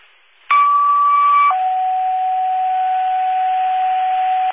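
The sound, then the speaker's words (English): Two steady electronic tones in sequence: a higher pitch held about one second, then a lower pitch sustained for several seconds, loud and clear over faint radio hiss. It is a fire dispatch paging alert sending Engine 2 of the Village of Windsor to an alarm. “Go ahead, just getting ready to page it out.”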